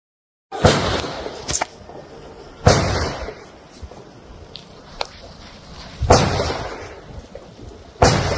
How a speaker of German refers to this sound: Ich habe das tatsächlich mal simuliert aus 10 Meter Entfernung und es ist ja so ein Laubengebiet, da ist es ja sehr eng. Und schauen wir uns das Ganze einfach mal an und hört mal dazu die Schüsse.